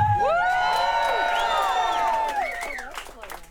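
A live crowd cheers loudly, with many overlapping whoops and shouts rising and falling together, staying strong for a few seconds before easing off slightly at the end.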